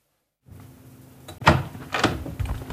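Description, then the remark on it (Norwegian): A door at the top of a staircase is pushed open and then swung shut behind people entering a grand hallway of the Karl Knudsen-gården museum. Several sharp wooden knocks and thuds, a low steady hum in the background, no talking. “Da har vi gått opp den flotte trappa her og gjennom døra inn i en storslått gang. Vi må lukke døra etter oss, og her står vi i ganga på Karl Knudsen-gården.”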